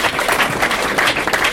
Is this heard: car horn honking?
no